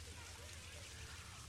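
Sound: rain falling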